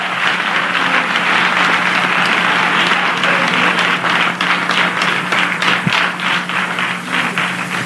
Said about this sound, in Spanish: Dale palmas al Rey.